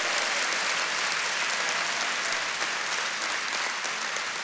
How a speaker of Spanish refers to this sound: Un aplauso fuerte, que se le caliente las manos.